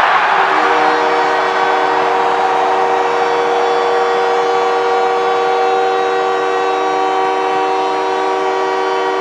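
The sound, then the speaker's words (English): An arena crowd roars after Nick Suzuki, captain of the Canadians, scores his 22nd goal of the season to bring the Canadians within one. It is a loud, steady wash of cheering under a sustained, blaring goal horn that holds one chord for the full nine seconds. “Well, the captain of the Canadians, Nick Suzuki, gets the crowd into hysterics as he gets the Canadians to within one with his 22nd goal of the season.”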